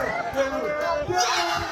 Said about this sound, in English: That's the crowd. Everyone goes nuts.